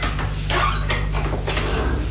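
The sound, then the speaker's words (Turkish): An unlocked house door creaks open in a few short, scraping squeaks and rubs, clear, with a steady low hum in the background and no voices. “Aa, gerçekten açıkmış.”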